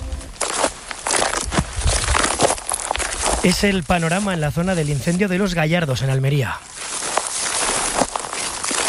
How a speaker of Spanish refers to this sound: Así suena el suelo, los palos y las ramas de los pocos árboles que quedan.